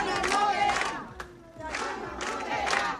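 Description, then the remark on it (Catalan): A crowd of neighbours of Son Cladera, a district of Palma, shouts a chant in unison at the doors of a senior citizens' centre, demanding its reopening: two loud rhythmic bursts of many voices separated by a brief lull with a single sharp sound. “Són els crits dels veïnats de Son Cladera, reclamen la reobertura d'aquest centre de la tercera edat que va ser desnonat, recordem, ahir, després de més de 3 anys de lluita dels veïnats.”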